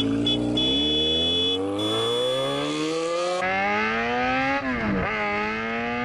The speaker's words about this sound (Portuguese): Tá aí a nossa motona passando de novo na Band FM